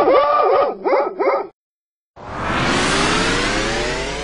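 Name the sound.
puppy barking and yipping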